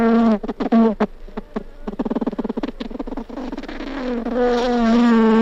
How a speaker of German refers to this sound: Und so hört sich eine Biene an.